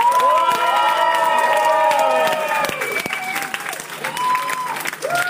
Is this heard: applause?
yes